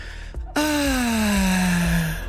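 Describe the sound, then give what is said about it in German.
A single long, voiced sigh of relief, fairly loud, its pitch sliding gently downward as it trails off after a brief quiet moment; a sound effect presented as plants breathing a sigh of relief at the rain. “Die atmen auf.”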